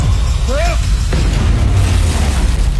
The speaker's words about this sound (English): Yeah, you know, it's got all the fun stuff, all the explosions. Not that explosions are fun, but I love the show, and maybe you do too.